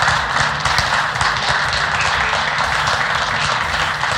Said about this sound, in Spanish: Está ingresando y los aplausos para el presidente de los bolivianos. Saluda a algunos.